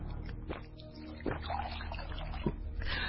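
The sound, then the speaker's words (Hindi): Water pours steadily into a cup or glass as it is poured for someone to drink, a continuous trickle with a few brief splashy bursts, heard alone without any talking. “अच्छा लीजिए पानी पीजिए।”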